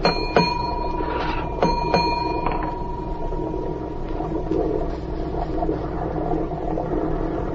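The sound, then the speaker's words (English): A ship's engine room signal bell rings about four times as the order to heave to is signalled to the engine room, one sharp metallic strike and then a quicker cluster, each tone lingering over a steady low machinery rumble that continues alone afterward. “I know engine room signals.”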